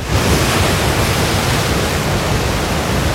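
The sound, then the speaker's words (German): Surf waves breaking in an artificial wave pool, a loud, steady roar of rushing water that fills the whole stretch without pause, with no voices. “Oh, ich will jetzt am Meer sein, ich will jetzt im Urlaub sein.”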